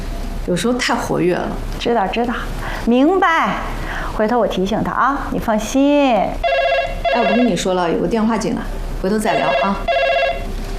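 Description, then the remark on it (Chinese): A telephone rings with an incoming call at a small police station, its electronic ringtone repeating in steady bursts during the second half, heard alongside people talking over it. “哎，我跟你说了，有个电话进来，回头再聊啊。”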